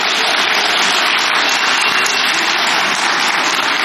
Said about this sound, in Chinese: 哎，谢谢您的掌声，这个节目啊换我给您表演。